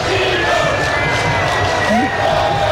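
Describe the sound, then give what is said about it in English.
A large stadium crowd in Seattle at a soccer game cheers in a loud, sustained roar honoring the national team manager, with scattered shouts and whistles rising above the dense wall of voices throughout. “He was honored yesterday by the crowd.”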